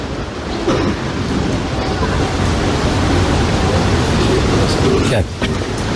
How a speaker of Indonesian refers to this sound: Diharapkan lebih merapatkan sof ke depan karena di bagian belakang terdengar hujan.